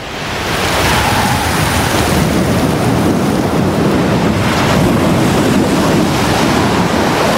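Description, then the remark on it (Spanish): Ocean surf roaring against a steep, rocky coast, a loud, steady, rushing wash of churning water with gusts of wind mixed in, swelling up in the first second and holding without pause. “Donde chocan estos diferentes hábitats, puede haber una gran energía procedente del clima, las costas escarpadas y la fuerza de las olas.”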